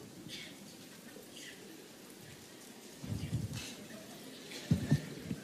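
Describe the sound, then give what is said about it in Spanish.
A crowd clapping one finger against another finger as hard as they can creates a soft, continuous pattering that imitates light rain beginning to fall, with denser, louder swells partway through and near the end. “Esa es la lluvia que empieza a caer sobre el campo.”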